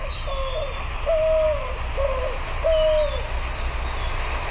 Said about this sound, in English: That's from my cell phone. That's better. Let's listen. White-winged dove. It's very owl-like. And so if you think you're hearing an owl all day, every day, go check it out. It could be this bird, the white-winged dove.